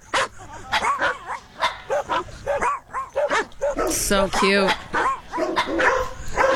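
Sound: dogs barking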